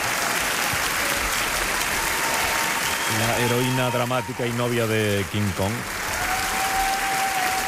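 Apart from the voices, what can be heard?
audience applause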